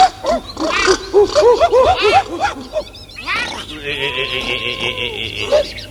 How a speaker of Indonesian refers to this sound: Surili pating jarelit itu monyet meni.